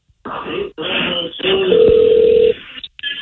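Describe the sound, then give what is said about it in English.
A single steady telephone ringing tone sounds for about a second, clear and fairly loud, over a muffled, noisy background with faint indistinct voices. “Okay, hold on. It's ringing.”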